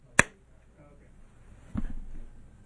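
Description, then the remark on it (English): A slow clap: one sharp, crisp clap, then after a long pause of about a second and a half, a second, duller clap, with little else around them. “all I can do is 80s movie slow clap.”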